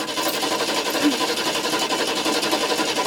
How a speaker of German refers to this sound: Mandys Mutter versucht verzweifelt, das Auto zu starten.